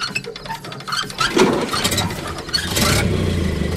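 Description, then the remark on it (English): An old car engine is hand-cranked with irregular rattling clatter, then catches and settles into a steady, low, chugging idle for the last second. No voices. “I'll crank it for you, but you'll have to drive it.”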